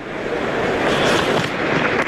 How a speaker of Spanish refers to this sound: La gente aplaude en la grada.